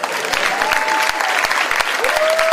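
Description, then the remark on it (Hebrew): An audience at a live show applauds steadily, dense overlapping claps at a lively, sustained level, with a faint whistle-like tone rising above the clapping now and then. “עוד כפיים, תראו איזה גודל.”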